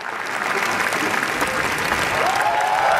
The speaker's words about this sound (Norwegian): Tårene rann, applausen varte og rakk. I hele 10 minutter så klappet publikum I Cannes etter visningen av Renate Reinsve sin nyeste film, Fjord I går kveld. Og de her ekstra jubelutbruddene som du hører innimellom, de kom da skuespillere og